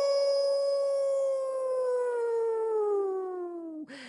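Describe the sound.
A single long coyote howl from the host of a classic rock radio show, loud, holding a steady tone that slowly sinks in pitch for about four seconds before breaking off abruptly. No talking alongside it.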